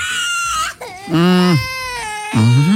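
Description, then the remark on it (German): A toddler wails and screams loudly on an airplane shortly before takeoff, in several strained, pitch-sliding bursts that run almost without pause, a shrill scream giving way to sobbing cries. “Ich habe neulich auch erst gelernt, dass die im Flieger gerne mal schreien, um den Druck im Ohr auszugleichen.”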